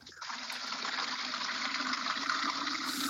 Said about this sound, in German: Das fülle ich auf einem Behälter aus, ich kübel das Wasser und tauche den Kübel zu den Bäumen hin.